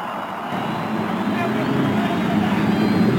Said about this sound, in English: After the cheers of over 300,000 fans, the engines are started along the main stretch. The pit crew signaling that everything is okay all up and down the 11 rows of bridge.